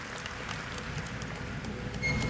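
An audience applauds, a steady dense patter of many hands clapping at once, sustained and even in loudness and swelling slightly at the end.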